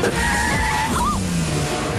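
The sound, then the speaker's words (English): A car driven by the kid Short Round in an Indiana Jones film speeds past, its engine roaring loudly as the tires squeal and skid in a sharp, rising screech before the motor noise trails off. “Run as loud as a kid driving the car.”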